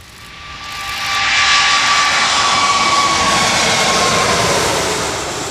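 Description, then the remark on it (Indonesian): Jet engines of an Emirates Airbus A380 airliner roar steadily as it arrives and passes, the broad rushing noise swelling quickly, holding loud with a faint whining tone, then easing slightly. No voices are heard. “Meski berlangsung singkat, kedatangan pesawat A380 milik Emirates menjadi momen langka bagi dunia pecinta penerbangan.”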